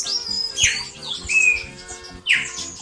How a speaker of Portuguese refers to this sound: É o passarinho cantando, ó. Todos os dias ela manda esse áudio pra gente, né? Olha que beleza. É pra começar bem o dia.